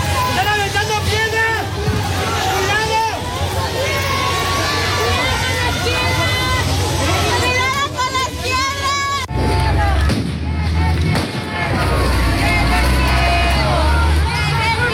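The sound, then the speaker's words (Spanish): A loud, dense crowd roars and shouts in a chaotic outdoor commotion outside the Azteca stadium, as police clash with young people who broke through the FIFA cordon around it during Mexico's opening 2026 World Cup match against South Africa; many voices overlap, yells rise above the din, heavy rumbling underneath. “Afuera del Azteca, la policía reprime a los jóvenes que rompieron el cerco que la FIFA impuso alrededor del estadio.”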